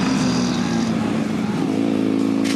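The engine of a VFR 1200 sport motorcycle with 186 horsepower, being ridden on a test ride, hums loudly and steadily, its tone shifting slightly as the revs change, with a rush of wind noise over it and no voices.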